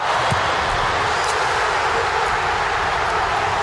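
A stadium crowd of Croatian football fans roars after Ante Budimir's goal in the 54th minute of Croatia's 1-0 win over Panama, a dense, steady wall of cheering that holds at full loudness for several seconds without letting up.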